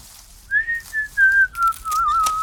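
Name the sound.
person whistling a tune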